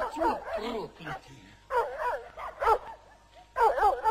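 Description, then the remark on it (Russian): A dog barks and yelps in three loud bursts of high, wavering cries, with short pauses between them. “И ты, народ проклятый, самими есть нечего, собак развели.”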